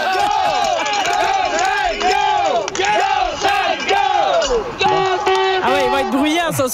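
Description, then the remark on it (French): A crowd of Saguenayens hockey fans shouts and cheers loudly without a break on the eve of the first game against the Wildcats, many overlapping voices rising and falling in rhythmic, chant-like swells. “Bien, en fait, là, les partisans des Wildcats ne sont pas tout à fait arrivés, mais on a des partisans des Saguenayens qui sont ici, qui veulent crier.”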